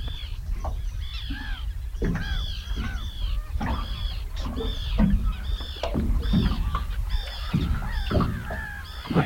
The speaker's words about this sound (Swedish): Men det där var en vanlig fisktärna. Jag måste nästan lyssna lite bara på det här fina ljudet.